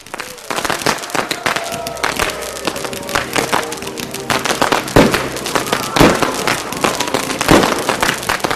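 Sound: fireworks and firecrackers exploding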